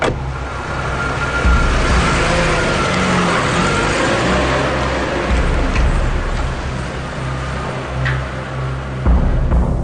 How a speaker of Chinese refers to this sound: 很快，门外响起了轿车发动的引擎声。